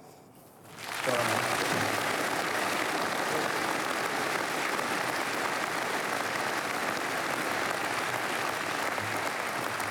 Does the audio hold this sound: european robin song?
no